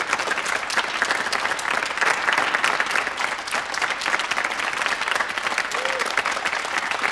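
A group claps steadily for several seconds, a dense, even patter of many hands at a fairly loud, constant level with no voices standing out.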